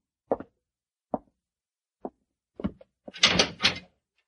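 A cell door is pulled shut: a few sharp, spaced knocks and thuds lead into a louder, rattling metallic clank and scrape, with no voices.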